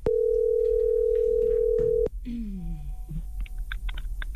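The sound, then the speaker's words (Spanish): A loud, steady telephone dial tone, heard while calling a contest winner, hums at a single mid pitch for about two seconds, then cuts off abruptly, followed by a sliding falling tone and a few short, high beeps. “Estamos marcando ganadores para ir a ver a Colombia en el Mundial, todo incluido.”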